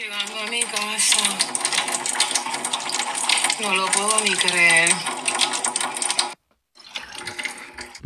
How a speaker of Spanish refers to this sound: Y hizo este comentario y se escucha el chorro. Me acaba de llegar el agua, llegando a mi casa. No lo puedo ni creer. Me acaba de llegar el agua. Ustedes oyen el chorro.